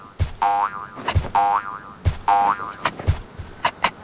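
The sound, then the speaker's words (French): Springy cartoon boing effects repeat in a bouncy rhythm, each a sharp thump followed by a wobbling twang, representing a kangaroo hopping very high in big bounds, with quicker lighter boings at the end. “Le kangourou saute. Il saute très haut.”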